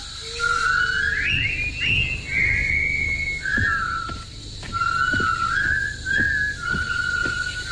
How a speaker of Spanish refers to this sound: Una columna de soldados británicos derrotados y convertidos en prisioneros por el ejército japonés entra silbando burlona y desafiadamente en el campo de trabajo donde construirán el puente sobre el río Kwai.